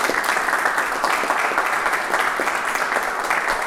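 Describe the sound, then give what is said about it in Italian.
Sustained audience applause welcoming a guest, a dense steady wash of many hands clapping at an even loudness for several seconds, with no voices rising above it. “Intanto le facciamo un applauso.”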